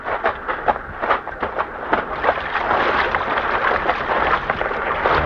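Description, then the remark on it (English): A small boat drifts in on the water, with a steady wash of lapping water and irregular wooden knocks and creaks. No one speaks. “No, that boat just drifted in.”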